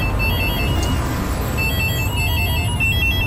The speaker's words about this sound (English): While it's easy to ignore a homeless person, it's harder to ignore 15,391 phones ringing at once all over the country. When the public did answer the phones, they heard a message from homeless people.